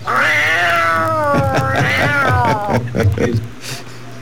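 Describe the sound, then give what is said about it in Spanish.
A cat named Capitán América lets out a long, drawn-out meow, loud, rising and falling in pitch for a couple of seconds before trailing off into brief softer sounds and a hum in the background. “Eres un gato bellísimo, mi querido Capitán América, saludos cordiales, gracias.”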